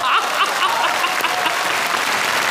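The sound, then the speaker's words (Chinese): Audience applause fills the whole stretch, a dense, steady patter of many hands clapping at an even loudness, with no voices on top. “冯巩乘舟将欲行，忽闻岸上踏歌声，桃花潭水深千尺，不及大家送掌声啊！”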